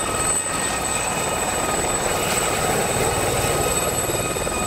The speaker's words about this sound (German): Dadurch wird die Luft dann nicht mehr nur nach unten weggedrückt, sondern auch zur Seite. Der Hubschrauber fliegt also nicht mehr nur nach oben, sondern auch nach links oder rechts.